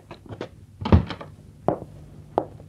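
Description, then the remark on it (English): A hotel room door is pushed shut with a heavy wooden thunk, preceded by soft shuffling and followed by a couple of lighter knocks and clicks as it settles. “Please come in. Close the door.”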